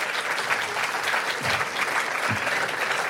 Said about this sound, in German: Ja, war auch nicht schlecht, auch der Beifall.